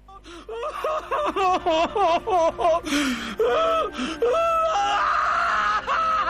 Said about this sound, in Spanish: Ay, sí, amigo mío, metele llanto porque tampoco sos el afortunado.